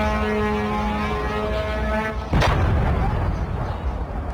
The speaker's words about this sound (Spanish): Esos son los bombardeos que se han escuchado en las últimas horas.